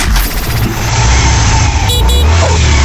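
A motorcycle engine roars loudly, revving hard with a steady growl and a couple of sharp rising bursts near the end as it passes.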